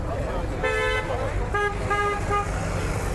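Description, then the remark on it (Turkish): Car horns honk repeatedly as warnings over a steady rumble of megacity traffic: one long blast, then several shorter toots in quick succession, loud. “Mega kentin bitmeyen gürültüsüne uyarı için peş peşe çalınan korna sesleri de ekleniyor.”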